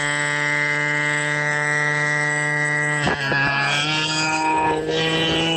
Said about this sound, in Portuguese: Que buzina mais estranha é essa, mano? Eu, hein? Que buzina estranha é essa aí, cara?